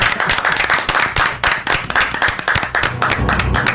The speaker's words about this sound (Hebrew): אני הייתי מציע שנפתח במחיאות כפיים. בהחלט.